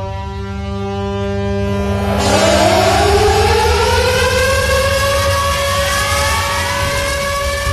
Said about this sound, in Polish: Dźwiękiem syren alarmowych rozpoczęły się o 4:45 na Westerplatte obchody 87. rocznicy wybuchu II wojny światowej.